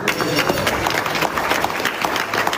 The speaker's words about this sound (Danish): Der bliver klappet af en aftale, der ifølge blandt andre Pakistan, der har været mægler i konflikten, straks vil løfte blokaden i Hormuzstrædet, så olie igen kommer til at kunne strømme frit.